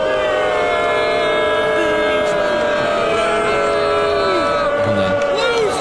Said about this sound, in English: Some of the booing.